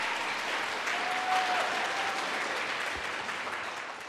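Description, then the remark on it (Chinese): An audience, asked by the host to clap again, claps steadily for about four seconds, a dense, even crackle of many hands that tapers slightly toward the end, with no voices standing out. “来，我们再鼓掌一下”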